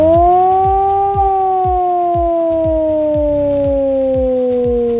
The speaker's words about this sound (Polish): W całym kraju można dziś usłyszeć wycie syren alarmowych. To w ramach ćwiczeń Alarm 26. Ogłoszenie alarmu dla ludności cywilnej może odbywać się na kilka sposobów. Na przykład za pomocą 3-minutowego dźwięku syreny.